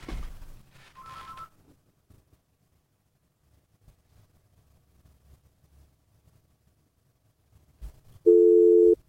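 A steady electronic telephone tone sounds loudly near the end after a long quiet stretch, with a shorter, fainter tone buzzing through some noise at the start, like a ringback heard on a call on which no one answers.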